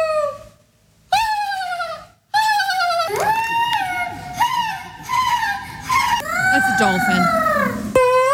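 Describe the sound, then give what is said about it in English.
A person at a loon calling contest in Belgrade Lakes, Maine, imitates a loon's call with a string of loud, wavering wails. Each wail rises and then slides down, separated by brief pauses, with faint murmuring noise underneath. “The loon calling contest is a one-of-a-kind event that is a bunch of people getting together trying to make the call of one of the most majestic birds with multiple sounds.”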